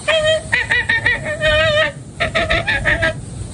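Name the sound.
american flamingo honking call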